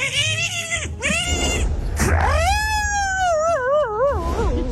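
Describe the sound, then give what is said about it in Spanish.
A man vocally imitates a fight between a dog and a cat, with the dog shaking the cat: loud, drawn-out yowling wails that rise and waver with a shaky vibrato, broken by short gasping breaks. “El perro lo sacude.”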